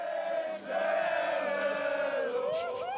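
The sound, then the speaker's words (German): A large crowd cheers, celebrates and sings continuously, a dense roar of many voices with rising whoops and shouts swelling near the end, loud and sustained throughout. “Die feiern schon mal schön.”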